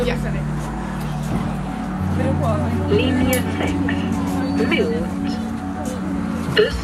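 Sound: bus arriving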